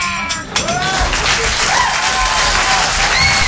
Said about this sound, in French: Mesdames et messieurs, improvisation avec Muriel Robin, première. On l'applaudit pour l'encourager.